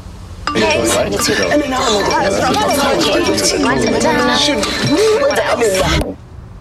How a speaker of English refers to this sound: Champagne emoji. Clink, clink.